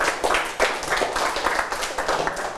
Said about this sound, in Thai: โอเคปรบมือให้กับทั้ง3คนนะครับนักเรียน